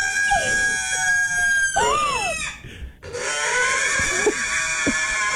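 A pig squeals while having its hooves trimmed, in long, shrill, wavering cries that rise and fall in pitch, over a steady high mechanical whine, with a brief drop in sound midway before the squealing resumes.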